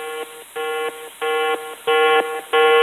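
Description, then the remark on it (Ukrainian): A yellow-level drone danger alert tone: five buzzy, harmonic-rich beeps in a steady repeating rhythm, each pulse stepping between two levels, growing louder with every repeat. No voices. “Дронова небезпека, жовтий рівень.”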